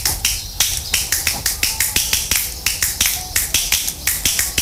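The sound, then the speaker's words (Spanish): Light, crisp two-finger hand clapping repeats in a quick, steady rhythm, about four sharp claps per second, fairly loud, with no voices. “Me gusta cuando se toca con dos. A ver, con dos más difícil.”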